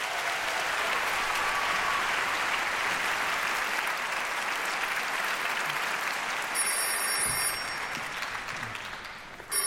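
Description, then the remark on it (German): Sustained, dense applause from a large orchestra concert audience, greeting the arriving chief conductor Stanislav Kotschanowski, continues evenly for several seconds, then thins out near the end as a faint bell-like ringing tone appears. “Der kriegt natürlich einen größten Applaus, Stanislav Kotschanowski!”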